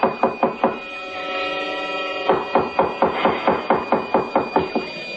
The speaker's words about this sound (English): Oh, now, please, don't batter down the door.